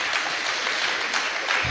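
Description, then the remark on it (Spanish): An audience claps steadily for Jesus, a dense, even wash of many hands with no pauses and no voices over it, holding at a fairly strong level throughout. “Démosle un fuerte aplauso a Jesús, al Rey de Reyes y Señor de Señores.”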